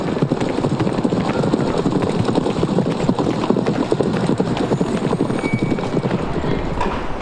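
Horse hooves clip-clop steadily in a huge riding hall, a dense, continuous patter of sharp knocks from several hooves at once, filling the space at a constant, fairly loud level.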